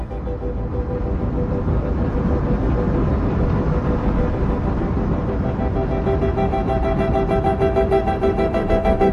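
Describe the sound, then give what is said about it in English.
A loud, steady rumble of a train's wheels rolling along the rails, dense, with faint tonal squeals from the wheels emerging toward the end. No one speaks. “Have you ever heard railroad train wheels rolling along the rails, clickety-clack, clickety-clack, and thought how musical they sound?”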